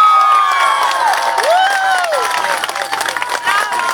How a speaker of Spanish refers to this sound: Un aplauso para Dios.